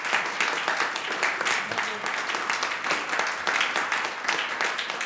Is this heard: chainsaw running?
no